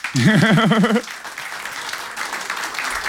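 An audience bursts into steady applause for a guest who represented them at Eurovision 2009, opening with a loud wavering, warbling vocal whoop over the first second before the clapping carries on as a dense, even patter.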